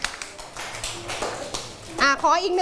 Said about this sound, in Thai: โอเคปรบมือให้เพื่อนค่ะ